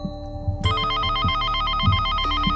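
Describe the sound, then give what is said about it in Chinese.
A telephone at Gongguan Coffee rings with a delivery order call, a bright, warbling electronic tone that starts abruptly after a short pause and repeats steadily, loud, over soft low thumping in the background. “临下班前，公馆咖啡又接了个外送的电话，是送到万豪国际的。”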